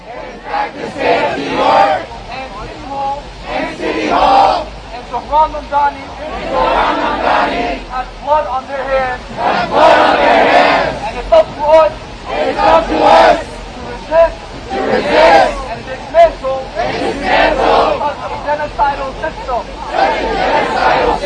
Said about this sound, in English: Now today at 4 o'clock, Free Palestine Movement is protesting against Mamdani in front of City Hall. So he's catching it from both sides. This is number 6. This is that protest, what it sounds like outside of City Hall.